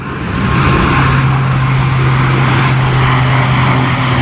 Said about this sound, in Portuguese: Às 6 da tarde, o silêncio no bairro do Talude só é quebrado pelo barulho ocasional dos aviões.